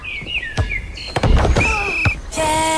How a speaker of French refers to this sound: Portes et fenêtres.